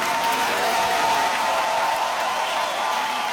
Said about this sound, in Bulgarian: Публиката ставаше на крака, за да аплодира българската певица след края на всяка песен.